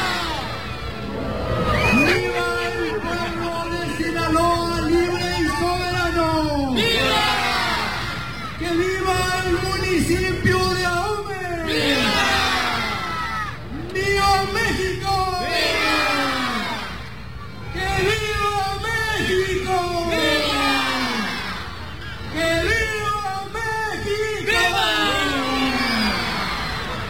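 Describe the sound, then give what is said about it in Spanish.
During the traditional Independence cry in Ahome, Mexico, a huge crowd of about 14,000 people roars "¡Viva!" in unison, answering the mayor's single amplified voice calling from the Municipal Palace balcony; the loud call-and-response repeats about six times with a reverberant outdoor echo. “durante el tradicional grito de independencia, un total de 14,000 personas acompañaron al alcalde y se unieron en una sola voz para recordar a los héroes de la independencia”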